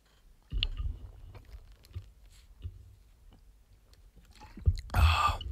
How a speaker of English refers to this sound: I've been speaking a lot and haven't drank a lot of waters. You know, actually, you know what? I just realized I haven't really done this in a while. It's time for me to drink water. You guys ready?